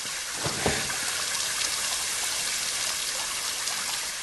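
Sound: water spraying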